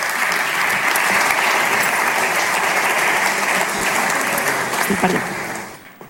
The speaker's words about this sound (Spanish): Un aplaudiment per ell, que arriba per aquí.